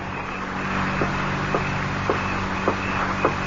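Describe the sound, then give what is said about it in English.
A car engine idles with a steady low hum while five sharp, evenly spaced clicks sound as a lighter is flicked to light a cigarette beside the car. No one speaks. “And then lean against the car and light a cigarette.”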